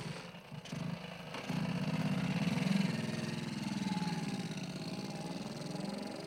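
A small moped engine idles with a steady buzzing putter, rising slightly in loudness after a brief low start and then holding a constant rumble with no voices.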